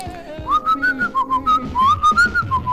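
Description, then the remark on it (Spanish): A man whistles a lively pop-style melody, a then-popular song, while walking down the street, a run of clear, bouncy notes in a steady rhythm with no talking over it. “Y en esta ocasión iba silbando.”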